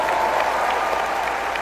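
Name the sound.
louder audience applause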